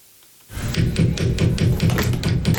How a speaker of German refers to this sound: Wenn man dagegen klopft, nicht, ne? Die funktioniert sowieso nicht.